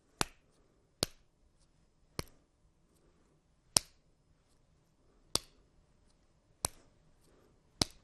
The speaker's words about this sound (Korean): 이렇게 박수 치면서 낭송을 해도 됩니다.